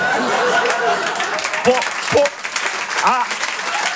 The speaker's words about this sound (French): Applaudissez pas trop, je vais avoir des problèmes.